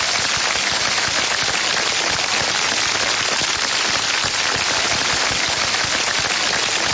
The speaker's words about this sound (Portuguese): Aí, ó, os aplausos pros aniversariantes, viu?